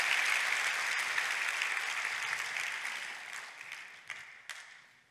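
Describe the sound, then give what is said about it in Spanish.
A crowd applauds for themselves at the speaker's urging, a dense, steady wash of clapping that slowly thins and fades out, with a few sharper individual claps standing out near the end. No one speaks. “Date un aplauso.”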